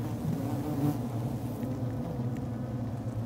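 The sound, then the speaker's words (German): A dense, steady hum of many honeybees buzzing together inside a hive, with old winter bees, a new generation of summer bees and the queen hidden in the throng; a low droning swarm sound that stays constant, without any voices. “Nur die Königin, unsichtbar verborgen im Getümmel, überlebt das ganze Jahr.”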